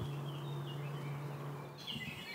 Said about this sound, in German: Das war Mönchsgrasmücke. Also es gibt einen großen Vogelreichtum hier, ja? Das hört man auch.